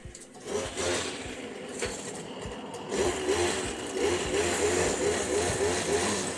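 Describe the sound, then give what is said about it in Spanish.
A washing machine on its spin cycle, a loud, steady mechanical whir with a rapid rhythmic rumble and clatter underneath, running continuously with no voices. “La lavadora centrifugando.”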